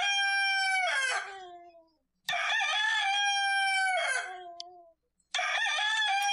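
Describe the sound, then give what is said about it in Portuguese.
A rooster at Chácara Rio Vermelho, belonging to Tizil, crows loudly three times in a row with short pauses between, each cry rising and then trailing off. The last crow is cut short, and no one speaks. “Esse é o galinho lá da Chácara Rio Vermelho do amigo Tizil.”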